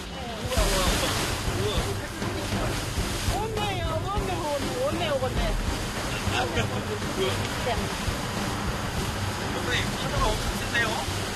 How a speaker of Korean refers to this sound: 그런데 이때 무서운 기세로 밀려오는 파도. 배가 심하게 요동치는데요.